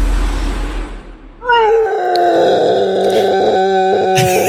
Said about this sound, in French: Non, c'est un morse qui s'est assis sur un petit Lego. Et d'un coup, il a beaucoup souffert.